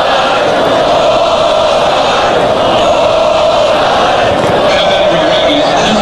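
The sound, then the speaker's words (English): A large baseball stadium crowd roars and yells continuously, screaming "ball five", a loud, dense wall of massed voices that stays steady throughout with no pauses. “Now he's got the crowd in the ballgame. They're screaming ball five, ball five.”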